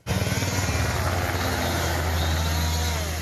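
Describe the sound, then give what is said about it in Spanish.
A firefighting aircraft roars loudly overhead while fighting a wildfire in windy conditions, its deep engine drone steady, with a rapid throbbing pulse at the start and a broad rushing noise throughout. “Pero el viento es un arma de doble filo, porque dificulta las tareas de los medios aéreos.”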